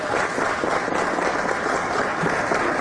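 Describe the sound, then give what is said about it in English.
Sustained applause from people in a hearing room, a dense, steady wash of many hands clapping at once, loud and continuous for the whole stretch without any speech. “Is there an applause light in there? No, there's not.”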